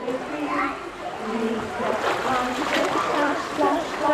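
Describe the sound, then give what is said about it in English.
Steady splashing and sloshing of water in an echoing indoor swimming pool in Plymouth where very young children are starting to swim, with young children's voices and chatter mixed in throughout. “Here at this pool in Plymouth, they're starting early.”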